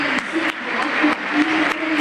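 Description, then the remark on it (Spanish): A large stadium crowd of fans applauds steadily as a football player is announced, a dense wash of clapping that fills the space evenly, with sharp transient bursts standing out at regular moments against the sustained roar. “Ángel Correa, otro campeón del mundo. Aplausos.”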